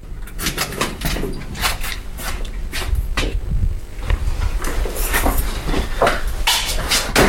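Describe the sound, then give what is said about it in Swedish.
A heavy door between the public areas and the closed storage stacks of an archive is pulled shut, a loud run of metallic clunks and rattles over several seconds with a low rumble underneath, and no one speaking. “Jag slog dörren igen för de publika ytorna, så att nu är vi då i våra slutna magasin.”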